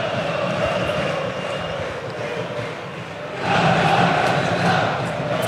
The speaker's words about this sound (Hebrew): קהל של ביתר מעודד עד הרגע האחרון, מאמין עד הרגע האחרון.